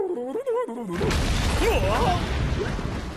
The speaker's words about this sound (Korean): 뭐야? 처음 들어본 소린데? 이 소리는 꼭... 큰일이야. 이건 바닷속 수중 화산이 폭발하려고 낸 소리였구나.